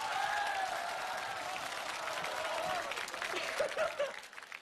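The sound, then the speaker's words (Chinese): A crowd applauds steadily for several seconds, dense clapping with a few faint whoops and voices rising near the end as the applause thins; a studio audience on a China Central Television show clapping to vote for Luo Zhen to go. “来，同意罗真去的鼓掌。”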